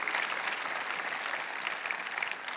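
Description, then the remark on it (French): An audience at a sermon in Longueuil in 2019 bursts into steady, sustained applause for God, a dense wash of many hands clapping at once that holds at an even level throughout, with no voices standing out. “Applaudissez celui qui va vous rendre inébranlable.”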